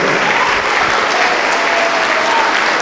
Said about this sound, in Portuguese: Vamos aplaudir ao Senhor Jesus. Por cada filho pródigo, por cada filha pródiga que está chegando.